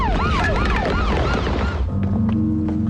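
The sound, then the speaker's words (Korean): A loud, wailing police siren sweeps rapidly up and down for about two seconds, then cuts off, leaving a steady low hum and faint background noise. “경찰차 경적 소리에 다른 건달들은 도망을 가고”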